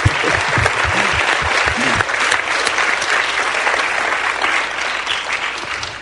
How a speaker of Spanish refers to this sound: Están aplaudiendo por el Señor, ¿verdad? Amén. Pues entonces aplaudan más fuerte.